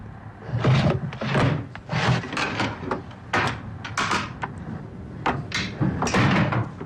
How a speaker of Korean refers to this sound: 한목지가 서랍 속에서 도장을 하나 꺼내들어 이리저리 훑어본다.